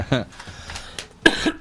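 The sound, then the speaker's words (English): A person with something in their throat clears it with a short, rough rasp, then a moment later lets out a sharper, louder cough, with faint murmuring in the quiet between the two. “I have all this stuff in my throat.”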